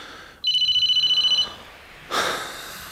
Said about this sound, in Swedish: Förlåt mig, nu ringer den här terrormaskinen.